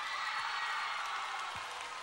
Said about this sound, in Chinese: 掌声欢迎